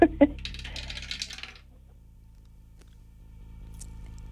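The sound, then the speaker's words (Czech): A die clatters and tumbles down a dice tower, a quick burst of rattling knocks for about a second and a half before settling into near silence with a low hum; it lands on a five. “držím v ruce kostku, drž mi pěsti, protože ji právě vhazují do naší věže.”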